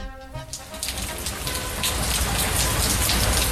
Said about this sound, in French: Dieu a créé la pluie. Oui, mais l'homme a créé le parapluie.